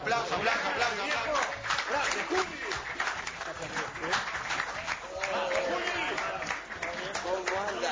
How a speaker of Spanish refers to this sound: Le pongo un aplauso también.